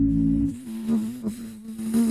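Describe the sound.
A person imitates a classic mosquito with a steady, high-pitched nasal buzz, fairly loud, wavering slightly in pitch for a couple of seconds without pause.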